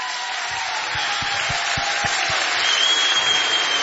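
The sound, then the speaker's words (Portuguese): A crowd applauds loudly and steadily throughout, a dense wash of clapping with a few rhythmic low thumps in the first half and no one speaking over it. “Mais um forte aplauso.”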